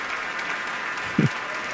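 Steady applause from a large crowd, with the seated orchestra members also clapping, for pianist Evren Ozel taking another bow after Mozart's Piano Concerto No. 27; a dense, even wash of clapping with one brief louder thump near the middle.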